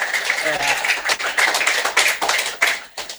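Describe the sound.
An audience applauds with dense, steady clapping that holds for about three seconds, briefly dips, then ends with a few last claps; a faint voice murmurs early on.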